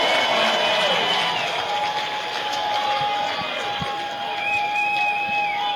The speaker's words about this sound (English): Listen to this crowd in Wilson.